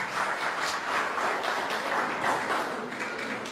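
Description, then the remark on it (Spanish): A crowd at a municipal event applauds steadily to welcome the mayor, a dense wash of many hands clapping at an even, sustained level throughout, with no voices standing out above it. “Fuerte los aplausos.”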